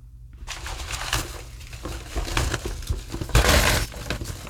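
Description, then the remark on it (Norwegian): Paper slips crackle and rustle as a hand rummages through them to draw one. A dense run of crisp, irregular crinkles swells louder near the end, with no voices. “Ja, du må rotle og trekke. Altså. Jeg tror du hører det. Ja, nå. Nå var det lyd, vet du. Ja. Så knitrer det godt.”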